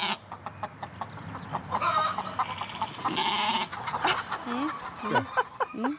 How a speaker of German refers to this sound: Wie viele Hühner sind denn das hier? Das sind knapp 300, nicht mehr 300, ne? 200.